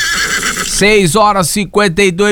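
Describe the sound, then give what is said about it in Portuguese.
A horse whinnies loudly, a shrill, quavering neigh that breaks into several rising and falling bursts over a couple of seconds. “Tá na hora de arriar o cavalo.”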